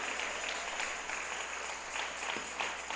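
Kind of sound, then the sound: crowd, audience applause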